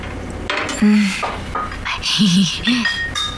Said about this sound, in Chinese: 早上好，先生，你要肉粥呢，还是蔬菜呀？ 不管是哪个，赶紧盛来吧，我吃完了好赶紧去工作。